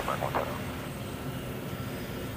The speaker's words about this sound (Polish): A tu rozpędzę jeszcze motor, no bo to chwileczkę potrwa, nawet na sprężarce będziemy chwilę lecieć.